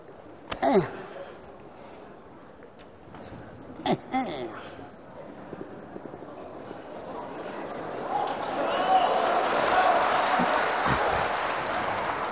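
Audience applause at a Chinese crosstalk (xiangsheng) comedy performance swells up after a few brief vocal exclamations, building into a steady, dense wash of clapping that holds loudly through the final seconds.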